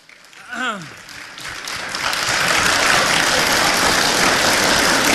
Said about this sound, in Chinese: 哎，谢谢谢谢大家。 各位别鼓掌。